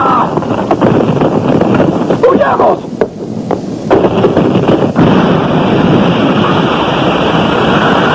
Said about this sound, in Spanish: La explosión del cristal ha creado vacío, por eso el aire se arremolina en esa forma.